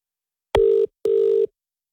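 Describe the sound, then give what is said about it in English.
Two loud, evenly spaced telephone ring tones as an outgoing phone call is placed, each a steady electronic beep lasting about a third of a second, with a brief gap between them and no voices. “Hey, I was just calling”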